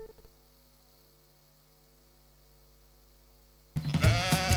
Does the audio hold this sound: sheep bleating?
yes